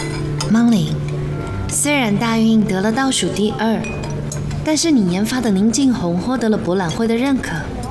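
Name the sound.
glasses clinking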